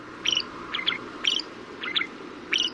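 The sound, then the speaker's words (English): A shrike sings a series of five short, scratchy, high-pitched phrases, repeated at a steady pace about half a second apart, over a soft background hiss. “Technically, these little raptors are classified as songbirds, but to our ears, their song can sometimes sound less than appealing.”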